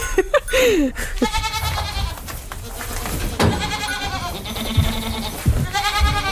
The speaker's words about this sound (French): La chèvre alpine, c'est une chèvre qui est rustique, adaptée au milieu montagnard.